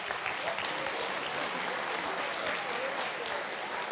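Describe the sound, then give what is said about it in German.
Steady applause from an audience for an interviewed guest fills the whole stretch, a dense continuous patter of many hands clapping at moderate volume without pauses. “Das ist Ihr Applaus.”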